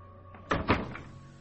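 door opening

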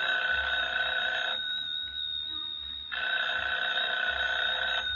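telephone ringing

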